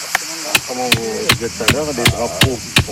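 A hammer pounds stakes into the ground in sharp, evenly spaced blows, about seven strikes in three seconds, marking the zone of a fire's point of origin during a fire investigation, while a voice talks steadily underneath.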